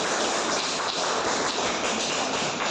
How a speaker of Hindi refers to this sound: ताली बजाओ बच्चे।